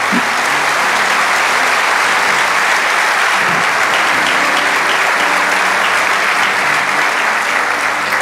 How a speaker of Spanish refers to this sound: Así que dale un aplauso al Señor.